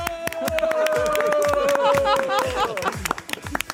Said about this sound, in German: Vielen Dank dafür, mal einen Applaus von euch selber, an euch selber, ja?